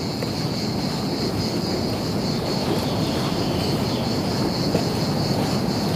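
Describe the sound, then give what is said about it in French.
Ocean waves on the wide beaches of the Médoc, just behind a dune, make a steady, unbroken roar of surf with a faint hiss on top, holding at an even loudness throughout with no voices. “C'est juste là, derrière la prochaine dune, que l'océan claque ses vagues.”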